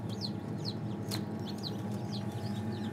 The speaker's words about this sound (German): Das Piepen, was man hört, von hier vorne, das ist das Ei.